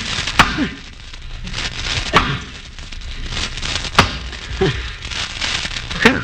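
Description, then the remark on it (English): Four heavy axe strokes bite into wood as a tree is chopped, at a slow, steady pace, about two seconds apart, each a sharp crack over a constant background hiss. “Oh, well, I'm sure I'm right about putting the deep cut under the shallow cut.”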